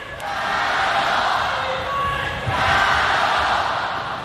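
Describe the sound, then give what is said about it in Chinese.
Spectators at a table tennis match cheer and shout for Chen Yufei steadily throughout, a dense, loud roar of many voices that swells slightly in the middle and stays sustained to the end. “现场的观众也是在给陈宇飞啊加油鼓劲儿。”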